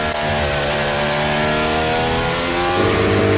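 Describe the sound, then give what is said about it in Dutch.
A loud, high-revving Formula 1 engine screams as the car of Oscar Piastri's teammate crosses the line, its steady whine shifting abruptly lower near the end as the car passes. No one speaks. “Maar ook de teamgenoot van Oscar Piastri, die nu over de lijn komt, staat nog steeds weer binnen.”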